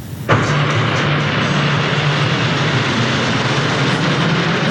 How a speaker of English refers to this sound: The Snowbirds bringing that familiar roar over Gatineau for one last dance.